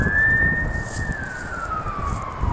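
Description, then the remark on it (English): The siren of a single fire truck wails in one long, sustained tone that slowly drifts lower in pitch, moderately loud over a low outdoor rumble of traffic, as the truck approaches and drives through on a green light. “Alright, they're approaching, it's getting louder. You may be able to hear them now.”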